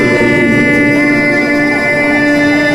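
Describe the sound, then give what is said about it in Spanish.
A referee's whistle starting the second half of a football match between Costa Rica and Antigua and Barbuda sounds as one long, unbroken blast, loud and steady in pitch for nearly three seconds over a dense, droning background, with no voices. “Silbatazo del referí.”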